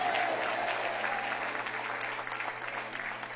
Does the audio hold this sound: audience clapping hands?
yes